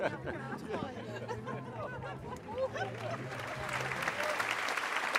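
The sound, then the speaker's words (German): An audience at a Roncalli circus show applauds steadily, the clapping swelling louder toward the end, with a murmur of crowd chatter and a sustained low hum running underneath. “Ja, wir hören das auch gerade hier in Applaus.”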